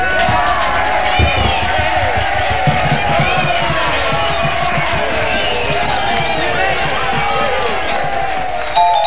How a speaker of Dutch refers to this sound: applaus.